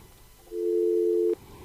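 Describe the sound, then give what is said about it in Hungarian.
A single steady telephone busy-signal tone sounds clearly for just under a second, a flat electronic hum-like beep with quiet room noise before and after. No one speaks. “Nincsen telefonálunk.”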